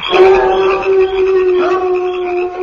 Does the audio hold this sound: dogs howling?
yes